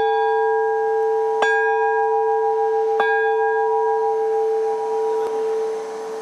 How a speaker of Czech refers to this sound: Zvonář nejdřív připevní lany, menší z obou zvonů. Pak do zvonu třikrát udeří, srdce zvonu si bere do ruky a odchází s ním na věž, kde ho teprve umístí zpět.